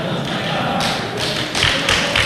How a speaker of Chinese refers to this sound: 别鼓掌啊！您各位也不厚道，怎么意思啊？